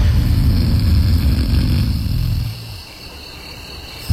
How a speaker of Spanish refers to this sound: Por eso mi esposa no tardó en hartarse de mis ronquidos.